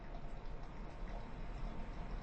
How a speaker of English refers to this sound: I cup the water behind and I blow bubbles.